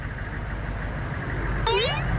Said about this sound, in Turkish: Yakınlardan geçen bir kamyon var demek ki. Birazdan uzaklaşır, merak etme.